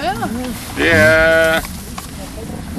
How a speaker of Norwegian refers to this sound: Jo, men jeg trodde ikke de var så veldig glad i barlind. Sauerne er her.